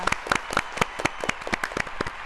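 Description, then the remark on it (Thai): Applause from a small group for two people who both answered a question correctly, a quick run of overlapping sharp claps that keeps a steady, moderately loud patter for a couple of seconds with no one speaking. “ตอบถูกทั้งคู่ค่ะขอเสียงปรบมือด้วยค่ะ”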